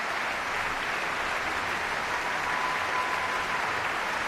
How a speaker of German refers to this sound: Bravo-Rufe aus dem Publikum.